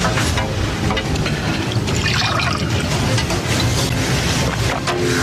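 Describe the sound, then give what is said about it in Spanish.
Water pours steadily into a glass for about five seconds, a continuous splashing gurgle with no talking over it, poured for a woman who has asked for some water. “¿Me puedes poner un poco de agua?”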